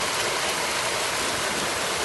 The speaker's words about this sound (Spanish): Esta fuerte granizada ha caído en Cuenca.